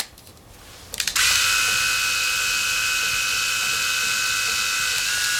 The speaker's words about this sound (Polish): Teraz golarka bez włożonych nożyków.